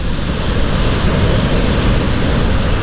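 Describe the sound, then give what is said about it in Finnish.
A steady, full wash of ocean surf fills the whole stretch, a continuous rushing roar with no distinct breaks between waves and no voices present. “Se kelluu merellä, ankkuroituna pohjaan, aallot nostavat ja laskevat sitä.”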